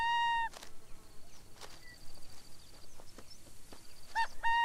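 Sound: burrowing owl calls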